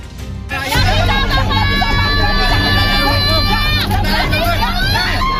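In Jakarta, women scream hysterically in long, high-pitched wails as they block heavy equipment about to demolish the Pamjaya official housing they have lived in for decades, over a loud, chaotic crowd commotion, with a steady low rumble running underneath throughout.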